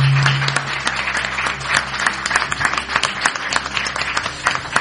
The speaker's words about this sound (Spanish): Bueno, pues eso, compartiendo con todos los amigos que han llegado hasta este lugar en Mucientes. Y sobre todo, yo quiero que nos reciban a todos los oyentes con un fuerte aplauso, porque tenemos un público estupendo.